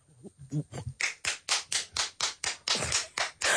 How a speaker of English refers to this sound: That one lonely clap from your mother in the audience.